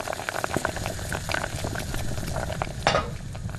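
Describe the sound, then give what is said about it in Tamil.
A pan of cabbage curry, forgotten on the stove and burning, sizzles and bubbles steadily, with dense crackling pops and a brief louder hiss burst near the end; no one speaks. “அது வந்து அடுப்புல கோஸ் கறி வச்சிருந்தேனா?”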